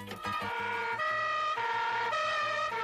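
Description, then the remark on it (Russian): A yellow Volga police car carrying several militia officers drives away quickly, its two-tone siren alternating high and low notes in a steady, rapid rhythm, loud throughout, with faint engine and traffic rumble underneath and no voices. “В желтую «Волгу» садятся несколько милиционеров. Она быстро уезжает.”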